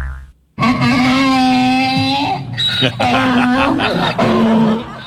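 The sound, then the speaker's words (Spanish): A donkey brays in loud, drawn-out, nasal tones: one long call, then two shorter bursts after brief pauses, with no other sound around it. “Oh, espantaste al burro aquí, hombre.”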